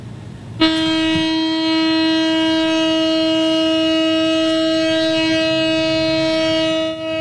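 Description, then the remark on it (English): A memorial siren in Tel Aviv, Israel, marking the third anniversary of the October 7th attacks, begins abruptly after a brief moment of faint outdoor ambience, then holds one loud, steady, unwavering tone for several seconds. No one speaks. “In Tel Aviv, a siren marked the somber anniversary.”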